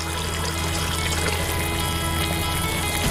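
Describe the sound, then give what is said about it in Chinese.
Lamb broth pours steadily into a cooking pot holding lamb, carrots, white radish and water chestnuts: a continuous splashing, gurgling stream of liquid that holds an even loudness for about three seconds, with no voices. “对， 羊汤入锅，干香菇、桂圆干、片糖齐上阵，众多食材汇聚一锅。”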